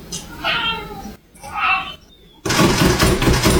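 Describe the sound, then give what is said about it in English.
Two drawn-out meows from Jeff the cat, then a loud, harsh burst of rattling and banging as he hammers on a lever door handle, continuing steadily to the end; the audio is unenhanced. “This is Jeff hammering on that door handle.”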